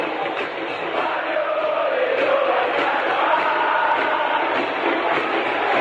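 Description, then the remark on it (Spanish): A large crowd of 'cervecera' football fans at the small Colegiales stadium chants together in a steady, loud roar, with a sung melody rising and falling through the dense wall of voices. “Pero yo escucho a la pueblada cervecera, y después de lo que fue aguantarse el frío, el viento y la lluvia del otro día, y uno escucha ese grito y conmueve.”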